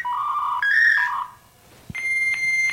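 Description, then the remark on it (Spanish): A dial-up modem connecting: a run of shifting electronic tones, a short pause and a click, then a steady high whistling tone with faint static bursts. No one speaks. “Oye, ese, el último era cuando estaba conectando el internet.”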